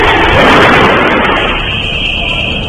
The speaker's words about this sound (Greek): Το ρολόι δείχνει 4 και 23 και 46 δευτερόλεπτα. Ο εκοφαντικός θόρυβος από την έκρηξη του αυτοσχέδιου εμπριστικού μηχανισμού στην είσοδο της πολυκατοικίας όπου διαμένει ο πρώην βουλευτής Β' Θεσσαλονίκης Σάββας Αναστασιάδης αναστάτω σε όλη τη γειτονιά.